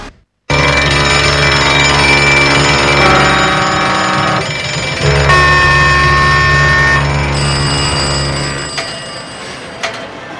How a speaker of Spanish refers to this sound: Alarmas, hay muchas.